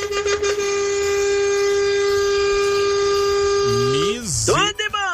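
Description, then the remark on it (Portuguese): A truck air horn blares in one long, loud, unbroken blast for about four seconds, then its pitch wavers and swoops downward as the horn cuts out. “Misericórdia, não economizou nem um segundo da buzina, rapaz.”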